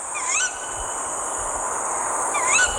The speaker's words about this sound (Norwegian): Og det jo en lyd som kanskje litt skremmende for mange. Dette kattuglehunden som roper, eit, eit. Og da kom hannen inn, nei, der ga han seg.